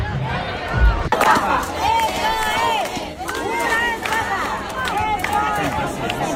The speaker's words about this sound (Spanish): pero a las puertas parece ser que hubo una gran desorganización a tenor de los gritos y las protestas que se escucharon en la puerta. ¡Estafa! ¡Estafa! ¡Estafa! ¡Menudo cabreo!